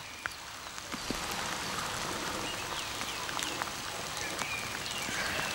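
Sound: heavy rain falling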